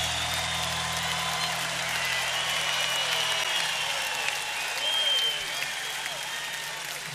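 Sustained applause from an audience, a dense steady wash of clapping with occasional whistles and cheers rising above it, holding at a fairly even loudness throughout.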